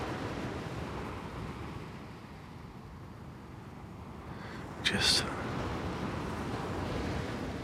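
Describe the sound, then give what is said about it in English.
A steady, rumbling wash of open-sea waves with wind noise, continuous, broken by one brief, brighter splash-like burst partway through. “Featureless sea.”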